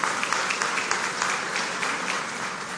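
An audience at a graduation ceremony applauds steadily for representatives of Global Effect, a dense wash of many hands clapping at once, sustained at an even loudness for a few seconds with no voices over it.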